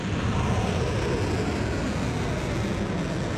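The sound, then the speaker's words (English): A steady, loud, rumbling roar of missiles and drones being launched by Iran at US military bases in Kuwait and Bahrain, holding at an even intensity throughout with heavy low-end rumble and no voices. “Iran launching missiles and drones at US military bases in Kuwait and Bahrain in the first attack since the 60-day ceasefire deal was agreed nearly 2 weeks ago.”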